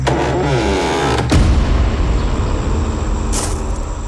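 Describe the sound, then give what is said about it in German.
A car engine turns over and catches, then roars louder as the vehicle pulls away, its steady rumble filling the rest of the moment with a brief hiss near the end. “Was soll dieses dumme, auffällige Fahrzeug, Bruder?”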